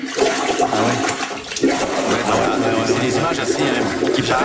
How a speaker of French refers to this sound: Grosse pluie, là, ça déborde, les gens filment leur bol. Écoutez bien le son, c'est impressionnant, c'est le retour d'eau.